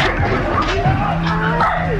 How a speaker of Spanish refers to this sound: Algunos perros, algunos vecinos corriendo.